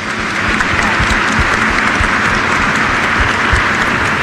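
An audience in a cathedral during Holy Mass claps steadily in welcome, many hands producing a dense, sustained wash of applause that holds at an even loudness for several seconds without speech.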